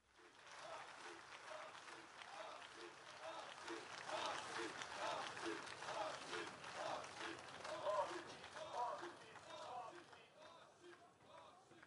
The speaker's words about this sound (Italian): L'applauso e i cori per Bossi.